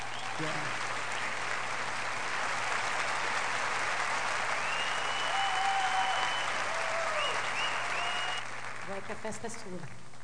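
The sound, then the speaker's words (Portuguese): Sustained audience applause, a dense wash of many hands clapping at steady volume for several seconds, fading slightly near the end as a few voices and a brief tone come through. “O som dos aplausos nos lembra encontro.”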